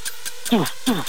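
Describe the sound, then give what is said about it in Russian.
A voice imitates a creaking horror-film door, making two short, strained, downward-sliding groans in quick succession, fairly loud, with faint clicking ticks between them. “Дверь в страшном фильме ужасов.”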